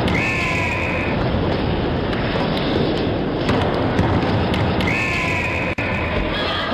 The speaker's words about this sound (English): The Fox 40 whistle.